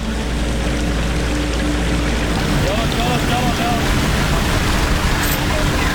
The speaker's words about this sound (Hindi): पानी का बहाव बहुत ज़्यादा तेज है कि कहीं गाड़ी बह ना जाए